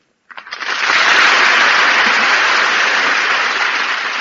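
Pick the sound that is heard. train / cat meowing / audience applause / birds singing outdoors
audience applause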